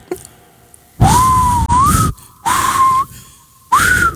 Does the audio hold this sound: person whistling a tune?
yes